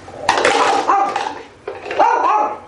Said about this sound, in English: Although one little cutie, with a bow on her head, did bark at all the containers, regardless of their contents.